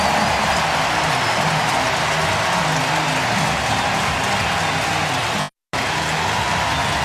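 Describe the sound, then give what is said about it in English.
A baseball crowd gives a standing ovation acknowledging Bryce Terang's 100th RBI of the season, a dense, steady wash of applause and cheering that holds at an even loud level, broken only by a brief dropout near the end. “Standing ovation from the crowd acknowledging Terang's effort.”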